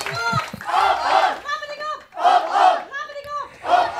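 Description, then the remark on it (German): The Wassensdorfer Karnevalsclub from the Börde shouts its rhythmic carnival club cheer "Rabedigup" in unison, three loud bursts of chanted calls, each rising and falling, with energetic voices blending together and no talk over them. “Rabedigup. Das haben wir gestern schon gelernt.”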